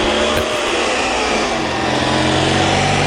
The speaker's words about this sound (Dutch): En we hebben gevraagd onze verslaggever even de motor even op te nemen. Dus dan kunnen we even luisteren hoe die klinkt.